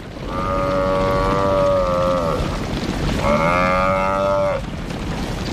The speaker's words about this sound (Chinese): 在飞扬的尘土中，四只狮子开始围攻一头高大的非洲水牛。